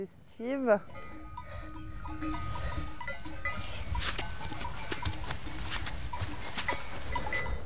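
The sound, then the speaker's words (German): A flock of sheep on an alpine summer pasture bleats, one loud bleat at the start followed by scattered fainter calls, with the clatter of small bells and shuffling hooves throughout. “Wenn alle Schafe im Nachtgehege sind, ist Feierabend.”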